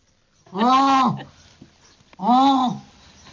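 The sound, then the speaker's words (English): A person loudly imitates a jackass penguin call, two long harmonic honks about a second each with a short pause between, sounding donkey-like. “I'm afraid I cannot do a proper penguin call. I can do one call, which is not quite donkey, but they basically sound like donkeys.”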